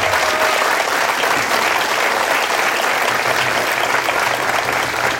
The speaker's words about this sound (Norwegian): Og styret, ikke minst, det bra. Applaus til styret som har dratt frem til den.